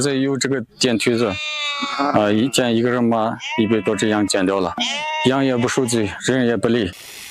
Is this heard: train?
no